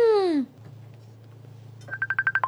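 A mobile phone ringtone for an incoming call starts up, a rapid series of bright, even beeping pulses over a low steady hum, after a brief falling tonal sweep at the start.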